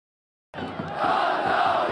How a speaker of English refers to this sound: The sound of football fans cheering is universal. Here in Aleppo, it's a sound that was silenced by fear. But this game was attended by at least 4,000 fans